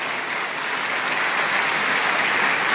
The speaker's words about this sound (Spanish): A Él sea la gloria y a Él sea este aplauso por los siglos de los siglos.